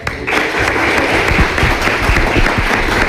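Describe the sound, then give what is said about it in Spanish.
Applause celebrating the news that Vecinos will get a new sewage treatment plant: dense overlapping claps forming a loud, continuous wash of sound that starts abruptly and holds without pause. “Pues nada, habrá que aplaudir, ¿no?”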